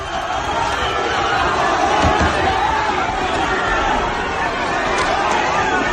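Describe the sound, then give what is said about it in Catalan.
A dense, loud crowd roars continuously with overlapping shouts and voices at a Diada protest in Catalonia, as Aliança Catalana supporters face left-wing independentist and antifascist groups and people try to break through a Mossos police barrier, met with baton blows; scattered thuds and jostling keep the noise agitated. “D'una banda, els simpatitzants d'Aliança Catalana, de l'altra, els col·lectius de l'esquerra independentista i moviments antifeixistes, crits escardissades i alguns intents de superar la barrera dels Mossos que han respost amb cops de porra.”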